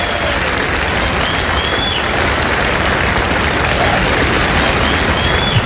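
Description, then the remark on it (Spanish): An audience applauds loudly and steadily, a dense wash of clapping hands that stays at an even intensity for the whole stretch with no one speaking over it. “No, aplauda más fuerte que eso si dice yo soy de los resucitados de River.”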